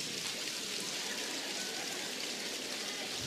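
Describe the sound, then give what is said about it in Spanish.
A crowd taps three fingers against their palms in a dense, steady patter that imitates the most intense heavy rainfall, continuous and fairly loud throughout, with no voices. “Tres dedos. Miren cómo es la lluvia más intensa.”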